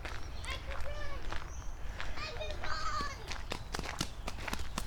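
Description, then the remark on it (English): Faint children's voices ring out in high, sing-song calls, shouts and screams as they run around playing outdoors, seemingly up the hill or in the loop, over a steady low rumble with scattered sharp taps and footstep-like clicks. “Oh, I'm hearing kid voices. Where are they? Sounds like they're up the hill or in the loop, which is just as good.”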